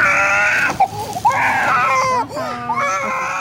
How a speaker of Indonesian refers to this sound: Kegembiraan anak-anak polos penderita HIV AIDS bermain sejenak teralihkan dengan tangisan anak kecil yang ingin ikut inang pengasuhnya pergi.